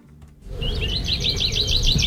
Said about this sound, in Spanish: Ese, ¡oh! ¡Mira los pajaritos! Ya me está lleno de pájaros, sí, ahí, ¿no?